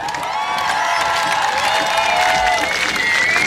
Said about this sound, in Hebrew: רגעי המעבר אל האתגרים. היריבות התמידית. אפשר ללוות אותם הרבה במחיאות כפיים.